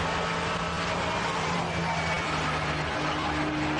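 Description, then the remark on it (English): Steady onboard car noise with a low engine hum and a dense, rough grinding texture running throughout, as the suspension squeaks and grinds on the overrun when the driver lifts off the throttle. No voices. “Oh, I don't like that squeaky. Something's flailing on the overrun. Suspension, something's grinding, yeah.”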